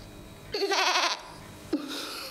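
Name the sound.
goats bleating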